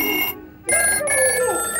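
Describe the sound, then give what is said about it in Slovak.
A telephone bell rings in two quick bursts with a brief gap between, loud, with bright metallic overtones and no voices. “Taký šibnutý zvonček som ešte nepočula.”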